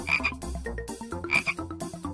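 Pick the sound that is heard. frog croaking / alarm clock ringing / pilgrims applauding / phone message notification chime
frog croaking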